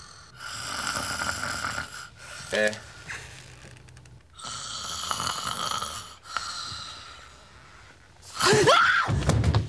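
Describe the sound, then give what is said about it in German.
Loud, rasping snores repeat in long breathy pulls, one after another, before ending in a sudden vocal gasp or snort. “Du hast ja laut geschnarcht und hast die alle gestört.”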